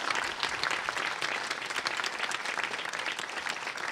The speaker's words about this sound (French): Je vais l'applaudir très très fort, elle fait un très beau travail.